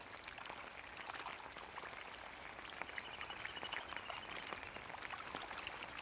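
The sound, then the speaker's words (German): A steady shower of rain pattering down onto a little grebe chick, a dense hiss sprinkled with many small splashing drops, fairly soft and unchanging throughout, with no voices. “Die erste Dusche seines Lebens.”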